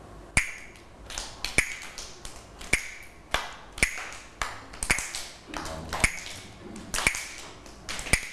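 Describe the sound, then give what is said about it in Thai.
A teacher taps a slow rhythm on a rhythm instrument for children to clap along to: eight crisp taps with a short metallic ring strike at a steady, slow pace, roughly one per second, clear with no talking in between. “เรามาฟังจังหวะที่คุณครูเคาะกันเลยนะคะเดี๋ยวเด็กๆฟังนะแล้วก็ปรบมือตามจังหวะที่คุณครูเคาะนะคะแล้วเดี๋ยวบอกคุณครูว่าคือจังหวะอะไร”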